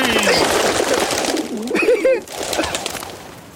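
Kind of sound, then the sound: bird, pigeon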